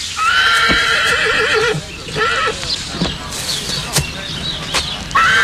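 A horse gives a loud, quavering whinny lasting nearly two seconds, followed by a shorter neigh, while sharp, irregular hoof clops ring out.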